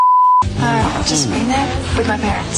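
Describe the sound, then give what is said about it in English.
A single short, steady censor bleep tone sounds at the very start, covering a spoken word, then cuts off abruptly as a person begins talking loudly. “Okay, if you can identify for us what that beeped out word is”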